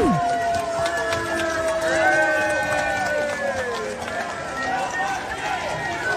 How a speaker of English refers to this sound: You're trying to celebrate the official king's birthday with a trooping of the colours and there's a riot and people are booing you.